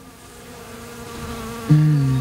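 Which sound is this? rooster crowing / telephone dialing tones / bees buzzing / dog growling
bees buzzing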